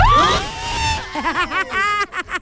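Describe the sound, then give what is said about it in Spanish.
A group of schoolchildren from Colegio Larrea shouting together at the 88.9 FM radio station, high-pitched voices rising and falling in overlapping bursts, loud and excited, with a brief steady tone in the opening second before the yells take over. “El grito, chamacos, ahí.”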